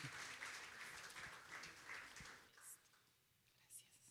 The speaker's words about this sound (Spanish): Aplauso para cada uno de ellos. Vamos a tomarnos una foto. Felicitarlos a cada uno de ustedes por hacer parte. Y vamos, ven, acá. Un aplauso para cada uno. Emprendedores.